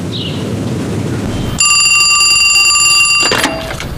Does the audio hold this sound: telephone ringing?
yes